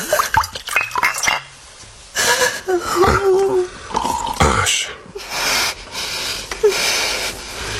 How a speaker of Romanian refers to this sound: Liniștește-te, femeie. Uite, hai, bea un pahar cu apă mai întâi.